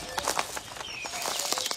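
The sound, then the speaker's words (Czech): Small birds chirp in short, high twitters while quick fluttering bursts of wingbeats rustle, a busy, steady flurry with no one speaking. “Děkuji vám, ptáčkové.”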